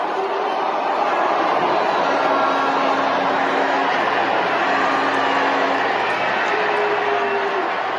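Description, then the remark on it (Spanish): A large crowd at an event with Mexican President Sheinbaum boos a state governor loudly and steadily, a dense roar of many voices that holds for the whole stretch with no pauses and no clear single speaker. “Ahí la están abuchando. La están abuchando. Es un abucheo grande, ¿eh?”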